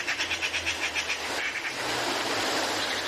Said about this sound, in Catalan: Garsa. pica, pica. Au molt comuna a les zones de conreu de tot el curs del riu.